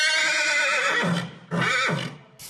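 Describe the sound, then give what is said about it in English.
A horse rescued from the fires near Toledo, Spain whinnies loudly, a long shrill neigh that wavers and fades, followed by a second shorter call and the start of a third, with no talking. “Sheep, chickens, hens, horses, they've all been rescued.”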